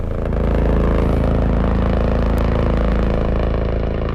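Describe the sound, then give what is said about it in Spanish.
The engine of Gigante 3, a latest-generation helicopter at a new hospital helipad, runs steadily and loudly, a dense droning roar with layered low hums and a faint rattling texture, holding constant for the whole stretch with no voices. “Escuchamos el motor de Gigante 3, el helicóptero de última generación que ha estrenado sin incidencias el helipuerto en el UCU.”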